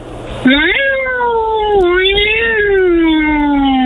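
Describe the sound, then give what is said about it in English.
A human voice imitates an angry, fighting cat with one long, loud yowl that wavers up and down in pitch and holds for over three seconds without a break. “Okay, let's hear this angry fighting cat.”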